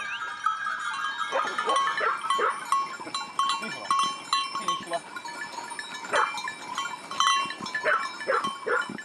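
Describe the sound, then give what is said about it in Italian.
A large flock of 260 sheep belonging to a shepherd bleats continuously, many overlapping calls rising and falling, with bells tinkling faintly throughout. “ha deciso fin da piccolo di seguire le orme dei nonni, di diventare un pastore. Ha 260 pecore.”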